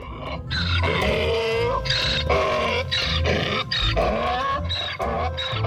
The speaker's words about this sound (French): L'âne engloutissait le tout, relevait la tête et hennissait.